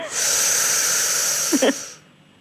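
A long, deep breath drawn in by a person lying down, lasting nearly two seconds, fairly loud with a rushing, airy hiss, ending with a brief throaty catch before it stops.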